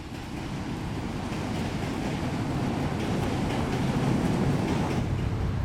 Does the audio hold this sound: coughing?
no